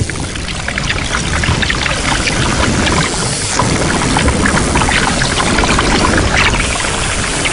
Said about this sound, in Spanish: Y en las rocas batidas por las olas, a unos palmos de la superficie, se escucha una confusión de voces. Aunque quizá voces no sea la palabra adecuada. Cerca de la costa navegan por medio de un sonar biológico las manadas de delfines mulares.